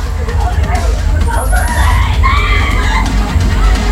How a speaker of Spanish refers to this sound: Están gritando.